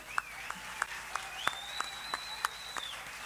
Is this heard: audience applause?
yes